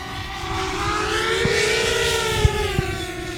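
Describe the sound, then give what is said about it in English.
A drone's rotors whine steadily as it begins its flight, guided by a pilot with a control stick, the buzzing pitch rising slightly and then easing back down, with a few faint clicks underneath. “The drone begins its flight guided by a pilot.”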